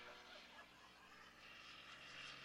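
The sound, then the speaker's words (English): A loud Jet Waco, a taperwing Waco modified with a Learjet engine, roars past at an airshow, its droning radial engine out front blended with a broad, hissing jet exhaust rush that swells slightly toward the end, with no voices. “As it comes by you, you hear the radial engine out front making noise, and then as it goes by, you hear the jet exhaust as well.”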